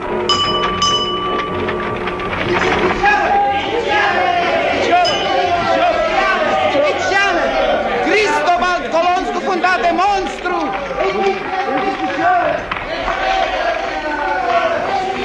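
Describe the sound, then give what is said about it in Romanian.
A dense crowd chatters and jostles around a newspaper seller on a New York street in 1867, many overlapping voices at once, with a few faint clinks and a brief tonal ring near the start, loud and continuous throughout. “Mulțimea se îmbulzește în jurul vânzătorului de ziare.”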